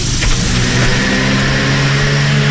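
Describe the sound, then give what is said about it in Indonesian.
A car engine hums steadily and fairly loudly as the car approaches from behind, a low droning motor sound that holds throughout with no voices. “Anda tidak tahu apa yang datang dari belakang, melainkan jika anda ada mata. Di belakang kepala, berjalanlah dengan hadap lalu lintas.”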